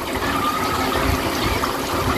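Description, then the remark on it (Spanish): Steady running water from a beach foot-shower tap in Águilas, Murcia, turned on to rinse feet: a continuous splashing rush with no pauses, filling the whole short clip at a fairly loud level. “Pues efectivamente, ducha de pies en Águilas, Murcia.”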